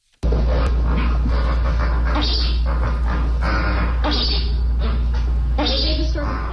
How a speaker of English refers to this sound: Here, briefly, are the grunts and so-called chuckles of 30 flamingos riding out the storm.